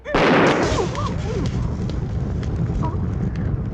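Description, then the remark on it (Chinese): A sudden loud explosive burst from a thrown exploding pellet, a newly invented hidden weapon called Pili Leizhu (thunderbolt thunder pearls) that look like red beans, followed by a rumbling, crackling roar that keeps going for several seconds with faint squeaky sounds mixed in. “你不要小看它哟，它爆炸起来啊，威力无穷。”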